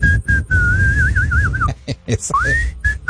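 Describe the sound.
A man whistles casually while turning his face all around, a wandering tune with a wavering warble in the middle, a short pause, then an upward sliding note, over faint low background rumble.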